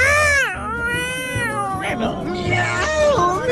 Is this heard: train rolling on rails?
no